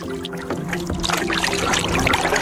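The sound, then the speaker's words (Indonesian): A small boat used to collect rubbish moving across open water on Kendari Bay, with a steady low engine hum beneath continuous splashing and trickling water that grows slightly louder, with no voices. “Dari perahu kecil di Teluk Kendari, sampah kemudian berpindah ke bank sampah.”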